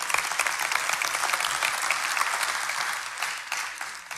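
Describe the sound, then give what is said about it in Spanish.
An audience claps steadily for about four seconds, a dense crackle of many hands with no single beats standing out, holding fairly even before thinning slightly at the end. “Si quiere aplaudir, hágalo.”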